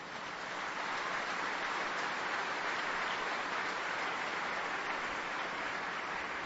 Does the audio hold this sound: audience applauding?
yes